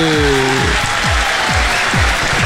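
A crowd applauds loudly and steadily, a dense continuous patter of many hands clapping for the whole stretch with no voices over it, plus a few low, falling thumps underneath.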